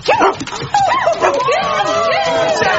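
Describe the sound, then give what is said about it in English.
A male dog that followed someone into work barks and yips excitedly, a quick run of high, sharp yelps with whiny tones between them, while people talk. “Whose dog is it?”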